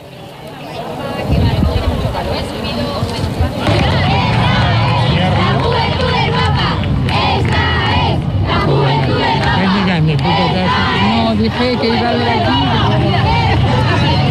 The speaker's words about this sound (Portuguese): Os gritos dos mais jovens, o Papa devia ter chegado aqui por volta das 10 horas e meia, hora portuguesa, mas chegou cerca de 15 minutos depois. Sentiu-se muito entusiasmo, principalmente destas pessoas mais novas.